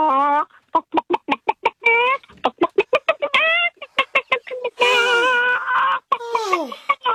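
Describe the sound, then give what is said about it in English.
A person imitates a frantic, stressed chicken with rapid staccato clucks broken by longer squawking cries, loud, with no other sounds around it. “I can do a chicken and stress. That's stress. A stressed out chicken.”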